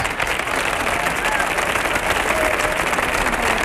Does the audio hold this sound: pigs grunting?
no